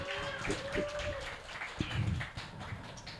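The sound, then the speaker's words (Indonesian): Thin, scattered clapping from only two people for a jury member at an RRI Sibolga event, uneven and steady at moderate loudness for a few seconds, with murmuring voices and a brief high tone underneath. “Kalau tadi tepuk tangannya masih dua orang loh kedengaran”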